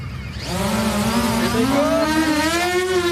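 An attack drone launched by a military team during a demonstration at the Thun military training ground spins up after a brief pause, its buzzing whine climbing steadily in pitch and holding loud and continuous as it takes off and flies after an infantry fighting vehicle.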